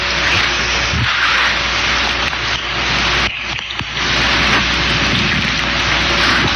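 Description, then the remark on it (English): Water is poured for drinking, a steady pour for several seconds, a continuous splashing hiss that dips briefly midway before resuming at the same level, with no talking. “I'm going to get some water here just a second here.”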